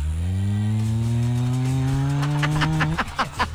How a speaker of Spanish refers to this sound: Efecto de moto.